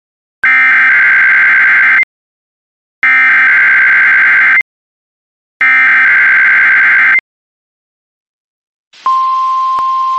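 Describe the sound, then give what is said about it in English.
Three loud, harsh electronic data bursts, each about a second and a half with short silences between, followed by a steady, piercing NOAA Weather Radio warning alarm tone over light static, sounded as a test of the National Weather Service warning alarm system. “This is a test of the National Weather Service NOAA Weather Radio Warning Alarm System.”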